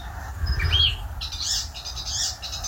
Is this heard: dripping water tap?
no